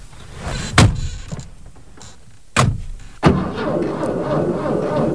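A car door thunks shut a few times, then a Ferrari engine fires up cold after standing for several days and settles into a loud, steady rumbling idle.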